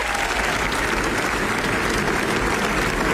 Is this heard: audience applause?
yes